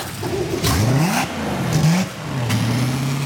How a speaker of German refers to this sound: Auch der Schiffsmotor wird durchgespült, um auch die kleinsten Guacamuschelteile zu verwischen und abzutöten. Links, rechts kommt das Kühlwasser raus, wo ich beim Z-Antrieb das heisse Wasser einspeise.